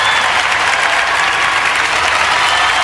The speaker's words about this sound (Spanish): ¿Cuántos le pueden dar un fuerte aplauso al Señor?